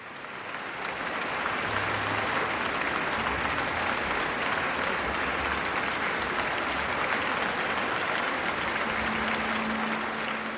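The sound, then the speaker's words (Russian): A large audience in the Tchaikovsky Concert Hall applauds Mikhail Pletnev and the Russian National Orchestra after Rachmaninoff's Symphony No. 3 in A minor, Op. 44, on 19 December 2009, a dense, sustained roar of clapping that swells in after a moment and holds at full strength throughout, with no voices standing out. “Заслуженные овации публики, концертного зала имени Чайковского, маэстро Плетневу и музыкантам РНО.”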